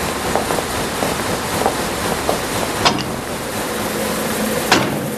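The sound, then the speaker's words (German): A steady, dense mechanical roar of large offset printing machines (four-colour printing) running continuously, with faint rhythmic ticks and two sharp clacks cutting through the drone; no one speaks. “Ich glaube, für den Hobbyraum im Keller sind die Maschinen zu groß. Und vor allem zu laut.”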